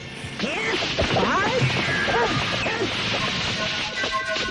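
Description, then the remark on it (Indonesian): A scuffle breaks out amid a noisy, crowded background as a young man quickly dodges a punch swung by a rough man, with swishing swings, a couple of thwacking impacts and strained voices and grunts. “Dia cepat sekali menghindar sebelum pukulan laki-laki kasar itu mengenainya.”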